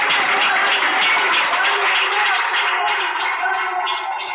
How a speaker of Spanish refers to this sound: Fuerte aplauso a nuestro rey, hermano. Gloria a Dios.